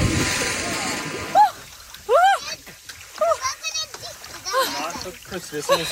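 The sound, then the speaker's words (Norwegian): A woman bathing in the sea in Østfold, Norway, lets out a series of high, rising shrieks and gasps over splashing water outdoors, the cries coming in short bursts amid sloshing and faint background voices. “Nå skal dere få høre henne opp ute, og så skal dere basert på hennes lyder vurdere hvor mange grader er det i vannet i Østfold.”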